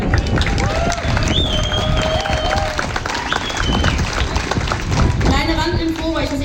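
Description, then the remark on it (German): A crowd at an event claps and applauds steadily and loudly for several seconds in thanks to everyone who helped make the event happen, with scattered whistles and cheers rising over the dense clapping. “Und von euch auch nochmal bitte Applaus für all diese Leute.”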